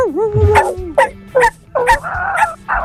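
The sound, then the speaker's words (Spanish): A very small, purse-sized micro toy poodle yips and barks sharply about six times in quick succession, loud, opening with a brief high whine before the rapid, high-pitched yaps. “Tiene un caniche. Ese es muy chiquito. Muy, muy chiquito, de cartera.”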